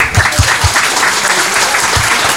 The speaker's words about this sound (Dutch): Ik vind dat al die mensen een schoon applaus verdienen.